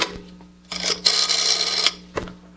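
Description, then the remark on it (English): A house phone being dialed: a few sharp clicks, then a long mechanical whirring stretch, and another brief click near the end, over a faint steady hum. No one speaks. “I'll give 9B a ring for us on the house phone.”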